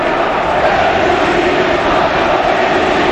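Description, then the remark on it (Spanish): A dense, steady roar of crowd applause and cheering, an ovation for Erika, Antoine's wife, fills the whole stretch, a broad wash of clapping and voices that stays loud and even without letting up. “Ovación a Erika, a la mujer de Antoine, la que, como se viene en el documental, le convencía para, ¿sí?, que se quedara.”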